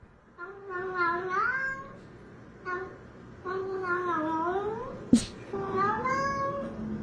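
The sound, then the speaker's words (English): A cat lets out long, drawn-out meows with sliding pitch in three stretched phrases, loud, with a sharp click between the last two over a faint low background, as part of a music track. “This is all just the cat.”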